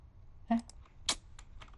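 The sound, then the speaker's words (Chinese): A handful of quiet, irregular key clicks from typing on a computer keyboard while searching a music library for a song, short taps scattered unevenly with small pauses between them. “哎，这个我这个键盘又太多了，然后搞经常搞错。”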